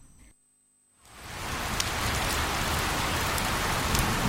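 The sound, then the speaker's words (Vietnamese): Heavy rain pours down steadily after a brief silence, a dense hiss of drops swelling in quickly and holding loud, with scattered sharper patters on a surface. “Mỗi khi những cơn mưa bất chợt đổ xuống, tôi lại nhớ đến những ngày tháng 7 vừa qua ở Quảng Trị.”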